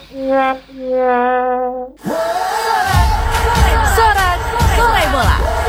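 A loud football stadium crowd roars and cheers, with whoops and shouts rising through dense babble, preceded by a steady two-note horn blast lasting about two seconds.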